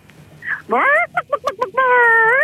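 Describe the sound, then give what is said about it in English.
A caller to radio station CFM imitates a chicken for a prize: a rising squawk, then five quick staccato clucks, ending in a long drawn-out, slightly rising bawk. The voice is loud and nasal, with no other talking. “I just need you to give me your best chicken impression whenever you're ready.”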